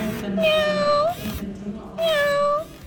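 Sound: robotic cat meowing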